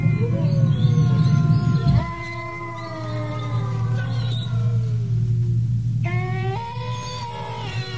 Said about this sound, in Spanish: Luego, el aullido de los coyotes que se acercaban a la casa.